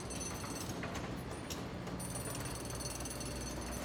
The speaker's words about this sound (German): Und ich glaube, jetzt bin ich auf der größten Baustelle der Welt gelandet. Denn hier in Shanghai werden überall zig neue Hochhäuser gebaut.